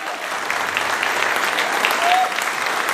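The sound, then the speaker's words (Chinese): An audience of students applauds steadily for about three seconds to welcome a guide from Chimelong Wildlife World giving a talk about koalas, dense clapping at a constant, fairly loud level with no voices coming through. “那今天呢，来自长隆野生动物世界的讲解员就将为同学们带来关于考拉的开学第一讲，掌声欢迎。”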